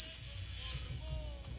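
Telephone ringing tone on a prank call to a woman's phone that goes to voicemail: a thin, steady high electronic whine fades out, then faint tones follow over a low background hum, ending with a sudden loud, lower-pitched beep.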